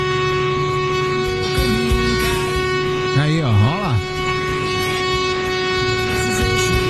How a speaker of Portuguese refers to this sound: Vai lá, buzina, meu filho, buzine à vontade. Esse é o nosso buzinaço pra você participar com a gente. Tem que dar uma buzinada, vai dar uma buzinadinha aí pra gente.